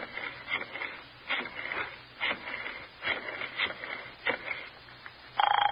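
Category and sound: household object, dialing a telephone number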